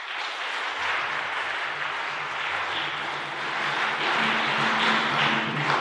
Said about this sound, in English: Tonight, we are celebrating the Vigil, the eve of the Pentecost. You are blessed to start the Vigil in front of us with the Blessed Sacrament. Can we clap for that?